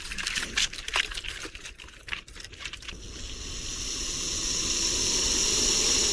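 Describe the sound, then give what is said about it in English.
A lizard scrambles up a tree trunk with a quick burst of dry scratching clicks from its claws, then gives way to a steady, rising hiss from the lizard that grows louder and continues to the end. “Oh, hey, listen to it scrambling up the tree trunk.”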